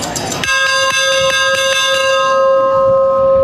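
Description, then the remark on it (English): A ship's bell, rung on the 4th of July, clangs loudly in a quick run of about eight strokes, then is left ringing as its bright metallic tone slowly fades. “right next to you is the Ballard Bell”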